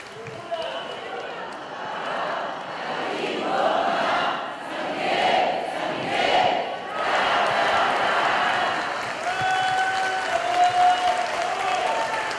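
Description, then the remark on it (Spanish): A crowd at a gathering honoring San Miguel (Saint Michael) claps steadily and cheers for him, a dense wash of applause with rising whoops and shouts that swell in waves and stay loud throughout. Whistles cut through near the end. “Que se oiga ese aplauso.”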